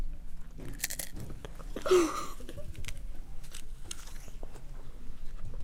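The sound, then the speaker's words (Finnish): Close, loud chewing right up against the microphone, with wet crunchy bites and smacking repeating irregularly throughout, one sharper crunch standing out near the middle. No one speaks. “Erittäin harvinainen pureskelutapa.”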